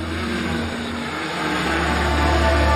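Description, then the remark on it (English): A drone's propellers whir in a steady, loud buzz, holding a constant pitch with a slight swell toward the end, as the drone is flown at sunset to frame the setting sun between two Buddhist temple halls joined by a bridge. No one speaks. “操控无人机，让落日精准悬于两座佛殿正中间。”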